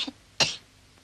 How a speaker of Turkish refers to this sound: Öksür. Bir daha öksür.